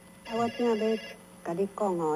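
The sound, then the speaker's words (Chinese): A telephone rings with an incoming call: a short electronic ringtone of a few melodic tonal bursts, clear, with brief pauses between phrases. “来，电话过来，电话过来吼，来回了，来买互相药吼。”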